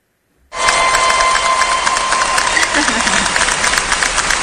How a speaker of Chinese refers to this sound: 大家有听到了吗？好，这叫提前的欢呼声。